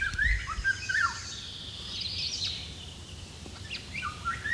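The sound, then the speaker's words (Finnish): Flute-like whistled phrases of a Eurasian golden oriole, a thrush-sized bird, ring out, short rising and falling notes with blackbird-like qualities repeated a few times over a soft, steady outdoor background with no talking. “Myös huilumaisessa laulussa on mustarastasmaisia piirteitä.”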